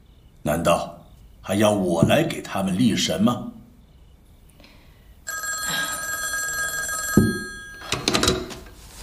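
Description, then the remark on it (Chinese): A telephone bell rings loudly and steadily for about two seconds after a man speaks; talking resumes right after the ringing stops. The call is from US Ambassador John Leighton Stuart, speaking for the US government to President Chiang Kai-shek. “等一下，司徒大使电话。”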